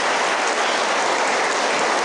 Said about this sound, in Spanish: Quienes la entregan y quienes la reciben, pues vamos a darles un fuerte aplauso a quienes van a entregar la cruz vocacional y a quienes los van a recibir.